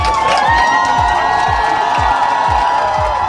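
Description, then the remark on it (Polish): A large crowd of Polish fans cheers and chants loudly in a packed arena, welcoming the European champion volleyball team with shouts of '100 lat' and 'dziękujemy', with rhythmic thumping beats about every half second driving the steady roar of voices. “Były głośne okrzyki 100 lat i gromkie dziękujemy.”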